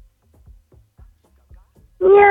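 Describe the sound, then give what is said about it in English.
After a couple of seconds of soft, low thumps, a person's voice suddenly lets out a loud, drawn-out imitation of a cat's meow that is cut off at the end. “Meow, meow. Meow, meow, love.”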